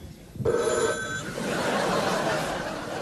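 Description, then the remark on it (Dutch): A telephone bell sound effect rings loud in one short metallic trill lasting under a second, then gives way to a steady rushing noise for the rest of the moment. “Het enige geluid dat er nog was, was het geluid van de telefoon.”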